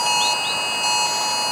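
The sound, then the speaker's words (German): A shrill, steady emergency alert tone sounding on mobile phones at 11 a.m. on the nationwide warning day (Warntag), with stacked high-pitched harmonics and a couple of rising chirps, loud and continuous throughout with no voices. “Ich weiß, ziemlich fieser Ton, aber genau dieses Geräusch kommt heute 11 Uhr auf viele Handys.”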